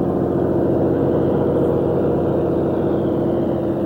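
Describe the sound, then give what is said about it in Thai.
A fishing boat engine drones steadily for the whole stretch, a continuous low, chugging rumble with an even hum and no change in pace, and no voices over it. The motorised fishing boats head out from the shore to catch shrimp and fish. “แม้ว่าจะได้ติดเครื่องยนต์แล้วแต่เรือเหล่านี้ก็ไม่สามารถออกไปไกลฝั่งมากนัก”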